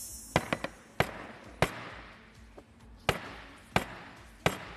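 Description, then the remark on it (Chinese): A series of hard, sharp impacts as a hard plant root is smashed down onto a tabletop in a TV shopping demonstration, denting the table: a quick cluster of three, then several single heavy bangs spaced irregularly, loud and percussive with no talking. “这已经桌子已经被我砸出坑来了，有点损坏我们东方购物公物。”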